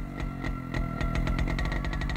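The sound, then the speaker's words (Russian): An old motorcycle engine runs steadily, its low rumble punctuated by rapid rhythmic firing pulses that quicken slightly toward the end. “У Витьки был старенький мотоцикл, я обычно садилась сзади, и мы ехали то по Ленинградскому шоссе, то куда-нибудь за Измайлово, за Богородское.”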